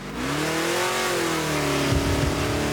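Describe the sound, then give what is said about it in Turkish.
The engine of a Nova car revs loudly and steadily, its pitch climbing and then holding at a high, straining whine, with a rougher rumble breaking in near the end. “Oh, ama gürültülü.”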